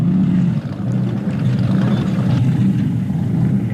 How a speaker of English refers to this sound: That's running a 454 Chevy, hence the sound. It's a serious beast, that one. Lovely sound, move quickly, lovely to pilot.